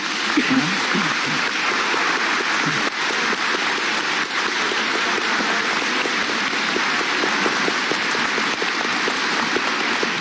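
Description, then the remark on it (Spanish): Steady applause from a crowd for the children who sang fills the whole stretch, a dense, even patter of many hands clapping at once, with a few voices briefly audible at the start. “Agradeciendo el canto también de los niños, vamos a darles un aplauso a ellos.”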